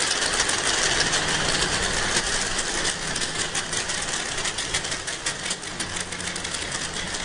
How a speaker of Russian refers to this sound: Естественно, она может получить информацию только с помощью эхолокации. Давайте послушаем крики гуахары.